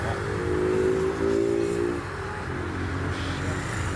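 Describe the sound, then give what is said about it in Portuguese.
Steady low rumble of idling car engines in stalled traffic on the BR-040 highway in Brazil at night, a jam lasting about six hours, with one engine's hum standing out for the first two seconds before settling back into the constant drone. “Haja ouvido e paciência num trânsito parado desde 3h15 da tarde.”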